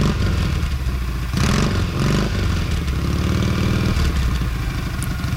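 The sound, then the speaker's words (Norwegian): A motorcycle engine cranks and sputters loudly, catching briefly in rough bursts of clatter as someone tries to start their motorcycle and get it to settle into an idle. “Prøver å starte motorsykkelen min her.”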